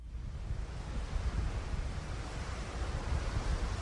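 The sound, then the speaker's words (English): Ocean waves crash steadily against the side of a 17-story cruise ship in the middle of the Atlantic Ocean, a dense, continuous roar of surf with heavy low rumble and gusty wind noise, loud, with no voices. “Out in the middle of the Atlantic Ocean, waves are crashing against the side of a 17-story cruise ship.”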